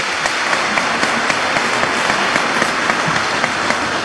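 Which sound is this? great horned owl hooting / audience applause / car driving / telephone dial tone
audience applause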